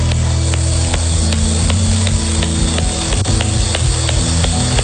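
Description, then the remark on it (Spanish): An audience applauds steadily after a prayer, a dense, even wash of clapping at full strength for the whole stretch, with a low sustained musical drone humming beneath it and no voices. “Suelte fuerte ese aplauso.”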